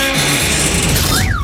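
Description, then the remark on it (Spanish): Neil, a young male elephant seal, smashing a car: loud, continuous crunching and banging of metal with a low rumbling undertone. A short rising-then-falling whine appears just before the end. “Y este es Neil rompiendo un coche que le gusta muchísimo, ya lo veréis.”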